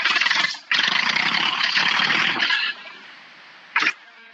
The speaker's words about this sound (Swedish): jag ska starta traktorn, för jag sitter nu